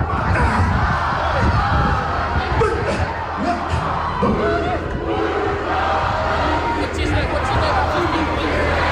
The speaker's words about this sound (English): There was a beautiful, you know, haka when the team bus arrived as well. Is that a cue? Is that a cue when you play the haka? Yeah, okay. Listen to the crowd.